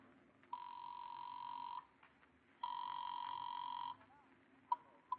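Two long electronic telephone ring tones from a call placed at a phone booth, each lasting over a second with a short gap between, heard as if through a phone line, followed by a couple of faint clicks.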